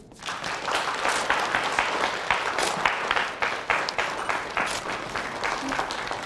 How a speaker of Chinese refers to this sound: 今天蜀川公交集团有爱无爱温暖出行听证会的主角以及家人们已经来到了现场，我们掌声欢迎他们。